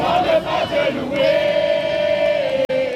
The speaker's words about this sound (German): Ein Empfangskomitee aus Kindern und Jugendlichen singt, klatscht und jubelt, als der Papst am Flughafen von Paris-Orly landet.